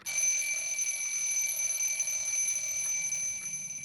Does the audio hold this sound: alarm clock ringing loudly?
yes